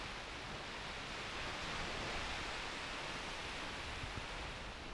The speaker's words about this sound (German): Naja, hier am Kap Arkona am Gellort, am nördlichsten Punkt, da weht der Wind noch. Aber auch dem geht es hier so langsam an den Kragen, sowie den Wellen auch.